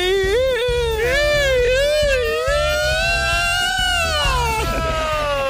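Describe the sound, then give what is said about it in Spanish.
A voice imitates a wailing alarm siren, a loud, steady, high-pitched wail that rises and falls in slow waves for several seconds, with faint low thumps underneath. “Y veo una alarma ahí llorando.”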